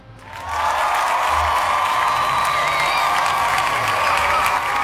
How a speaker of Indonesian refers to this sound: Sama-sama nih 43, kita kasih tepuk tangan ya.